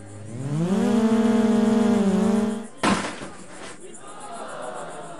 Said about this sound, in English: What you're hearing are sounds from a drone race in the middle of a cornfield.